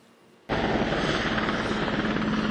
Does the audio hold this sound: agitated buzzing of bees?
no